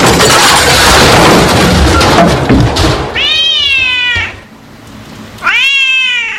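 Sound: cat meowing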